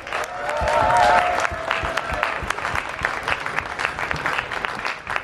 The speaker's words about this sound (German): Einen riesengroßen Applaus für alle Ehrenamtlichen